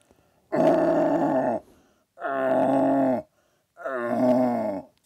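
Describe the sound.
A person, a multiple Vorarlberg deer-calling champion, imitates a young stag's rutting call with three loud, drawn-out groaning bellows, each about a second long and separated by short pauses, rich in low, throaty harmonics.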